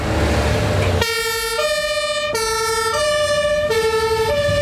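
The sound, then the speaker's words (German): A fire engine of the St. Ingbert fire brigade, a Tele 4000 carrying 5,000 litres of water, arrives with its two-tone siren blaring, alternating between a high and a low pitch in a steady, loud pattern over a low engine rumble, starting after about a second of traffic noise. “Aber es gibt ja zum Glück die Feuerwehr in St.”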